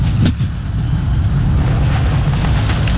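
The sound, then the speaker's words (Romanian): A semi-truck tractor unit rumbles by loudly, its heavy low engine drone steady across the few seconds, with hissing road noise on top and no voices. “În sfârșit o mașină, da. Un cap de tir.”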